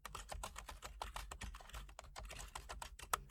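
Rapid keyboard typing of a message to an architect, a steady stream of sharp plastic key clicks, with brief irregular pauses between bursts and no voices.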